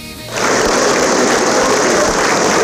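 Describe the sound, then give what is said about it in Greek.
Warm, prolonged applause from relatives, friends and political figures bidding farewell to Margarita Papandreou starts abruptly after a quiet moment and continues as a dense, steady wash of clapping at an even loudness, with no voices heard. “Με βαθιά συγκίνηση και ένα θερμό παρατεταμένο χειροκρότημα αποχαιρέτησαν συγγενείς, φίλοι και εκπρόσωποι του πολιτικού κόσμου τη Μαργαρίτα Παπανδρέου που έφυγε από τη ζωή σε ηλικία 103 ετών.”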